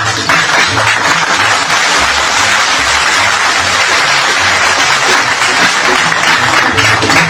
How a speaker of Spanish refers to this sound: Muy bien, aplausos para los chipilines.